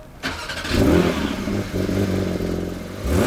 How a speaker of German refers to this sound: Ein Auto, ein Startgeräusch, der legendäre 911er aus dem Hause Porsche.